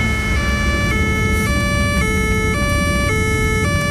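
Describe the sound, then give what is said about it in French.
A police car's two-tone siren wails loudly, alternating steadily between a high and a low note about twice a second over a low rumble of traffic, with no one speaking. “Parce que là, je suis en voiture. Voilà, vous êtes en... Non, non. Et alors, celui de 6e... Attendez, il y a la police.”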